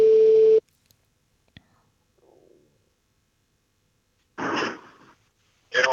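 An outgoing phone call made from a car rings out on the line: a steady, fairly loud ringback tone sounds briefly, followed by a long pause with faint clicks and rustling, then the tone starts again.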